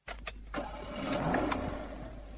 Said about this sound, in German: Feine Musik, oder? Was für Musik? Das zufriedene Töntli vom Motor. Aha, das. Ich höre kaum etwas. Eben, das ist Musik für meine Ohren.